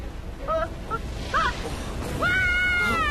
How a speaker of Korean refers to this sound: 캠프의 비명 소리야. 맞아. 좀 전에 캠프의 구조 신호기가 켜졌었는데 이렇게 비명 소리만 남기고 저기 스타 샌드에서 신호가 끊어졌어.